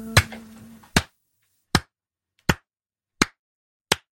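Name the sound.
studio applause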